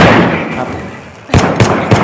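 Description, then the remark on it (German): Three sharp gunshots ring out in quick, evenly spaced succession, loud, following a stretch of dull rumbling background noise. “Runter auf ihr Schuss.”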